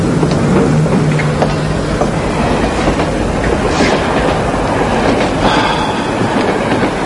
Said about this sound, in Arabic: أليست الآن ساعة السفر القطار إلى لوهافر؟ نعم، ولكن موعد قطع التذاكر فات والقطار على وشك السفر.